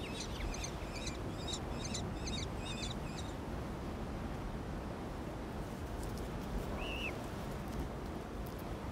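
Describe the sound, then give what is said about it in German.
An Eleonora's falcon at a nest in rugged rock cliffs gives several quick bursts of shrill, rasping calls near the start, then one brief call later, all over a steady roar of wind or surf. “In den schroffen Felsklippen versteckt warten die frisch geschlüpften Küken der Eleonorenfalken auf die Rückkehr ihrer Eltern.”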